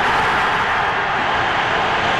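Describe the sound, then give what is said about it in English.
A loud, sustained roar from a hockey arena crowd at the Stanley Cup, cheering the announcement that Bob Gainey has won the Conn Smythe Trophy; a dense wash of cheering that holds steady at full volume without letting up, with no distinct voices standing out. “And the announcement that Gainey has won the Conn Smythe Trophy brings a loud roar from the crowd, and Gainey, just a great hockey player, that plays to the shoulders of his teammates and gets a chance to hug that Stanley Cup.”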